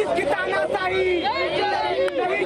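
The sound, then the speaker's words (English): Dense crowd chatter from a protest crowd of at least 25 to 30 people outside Parliament Street police station in the national capital, in pouring rain. Many overlapping voices talk at once in a steady, fairly loud outdoor hubbub without pauses, with no single speaker standing out. “Even though it is pouring over here in the national capital, but still there is a crowd of at least 25 to 30 people who has gathered over here.”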